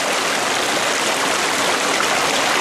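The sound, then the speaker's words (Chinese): Rainwater runoff from heavy morning rain on the mountain rushes steadily and loudly down onto the Yulong Road section at night, after 11 pm, draining into a mountain flood channel beside it; a dense continuous hiss and roar with no pauses and no voices. “在现场啊，您仍然可以听到哗哗的这个流水声。”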